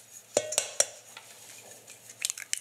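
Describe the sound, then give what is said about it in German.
An egg being added to choux pastry dough: three quick, sharp taps against a bowl, followed by a quiet pause and a flurry of small clinks and scrapes, with no talking. “Und hier kommt jetzt erstmal ein Ei rein.”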